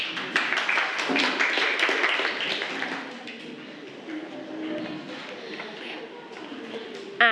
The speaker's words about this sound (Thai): ขอเสียงปรบมือให้กับกลุ่มที่3ด้วยค่ะ